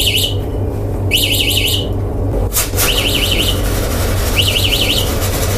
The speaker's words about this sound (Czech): Zazněl alarm a z bílé krabice u stropu za pokladnou se začalo kouřit.